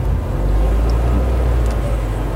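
A car cruising along a motorway, heard as a steady, unbroken low rumble of engine and road noise at an even loudness throughout, with no voices.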